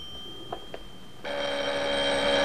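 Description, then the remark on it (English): A couple of soft taps, then an old-style telephone bell bursts into continuous ringing, bright and metallic, sounding from the lounge of a suite and carrying on steadily to the end. “He steps into his little hallway as the phone rings in the lounge.”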